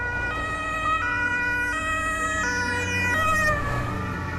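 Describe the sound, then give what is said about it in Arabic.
An ambulance siren wails steadily in alternating two-tone bursts, loud, over the low rumble of road traffic, as the ambulance arrives at a hospital, with no one speaking. “لم تكد سيارة الإسعاف تصل إلى المستشفى حتى وجدت عناصر الشرطة القضائية في انتظارها.”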